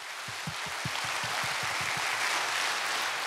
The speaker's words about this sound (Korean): 멋진 무대 꾸며주신 여러분께 다시 한번 뜨거운 박수 부탁드립니다.